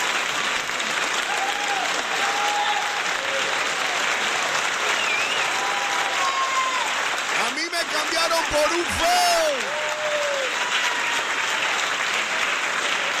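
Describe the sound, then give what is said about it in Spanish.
Sustained audience applause for a woman, a dense wash of clapping with cheering voices shouting over it, loud throughout. “¡Aplauso para ella, me! ¡Aplauso!”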